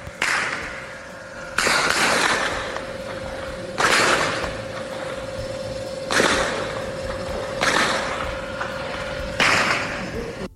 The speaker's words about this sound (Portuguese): Vídeos enviados à nossa reportagem mostram, inclusive, o momento do confronto e o barulho ali intenso que os moradores registraram logo cedo. Vamos ouvir agora o relato dos tiros, muitos tiros mesmo.